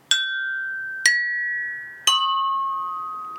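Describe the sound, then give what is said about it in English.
China cups of the China Cup Choir are struck one after another, three clear bright chimes about a second apart, each ringing on with a long fading tone, the pitch stepping slightly lower with each strike. “fantastic, a good solid a good solid section of chiming, a good solid section of chiming from the China Cup Choir.”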